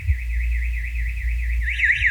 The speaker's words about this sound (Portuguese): No Lídia Duarte, em Camboriú, a escola Judite da Rocha da Lago, o alarme toca assim, ó. Vamos botar o som.